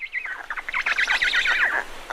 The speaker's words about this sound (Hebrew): אבל לאט לאט נתחיל לשמוע קולות קטנים יותר. נגיד, ציוצי ציפורים.